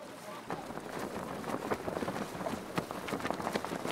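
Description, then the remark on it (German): Strong wind roars and buffets the microphone in steady gusts during a sailing regatta, a race of Moliceros boats, with sharp knocks and rustles of a boat on the water and faint voices underneath. “Felisberto ist optimistisch, obwohl der Wind fast ein bisschen zu stark ist.”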